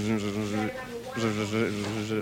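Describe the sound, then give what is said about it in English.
A voice imitates a mosquito with a steady, nasal buzzing hum that drops out briefly a couple of times, then resumes, over about two seconds. “A buzzing sound that quits intermittently.”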